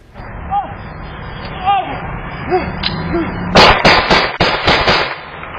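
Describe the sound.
Gunshots ring out in a rapid, irregular burst of about six or seven loud, sharp cracks, following several seconds of muffled background noise and faint indistinct voices.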